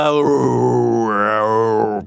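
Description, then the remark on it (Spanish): A voice imitates the creaking cemetery crypt vault door opening at night from the start of the radio program Inner Sanctum: one loud, drawn-out groan of about two seconds, wavering in pitch and swelling upward midway before settling and cutting off. “Pero la más aterradora, al inicio de ese programa de radio, escuchabas una cripta, esa puerta ruidosa de la bóveda del cementerio que se abría por la noche.”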